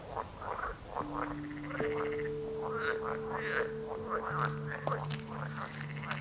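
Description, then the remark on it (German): A chorus of frogs croaks steadily at night, overlapping calls pulsing in quick rhythmic bursts, with a faint high insect-like whine running throughout and no voices. “Hören Frösche eigentlich?”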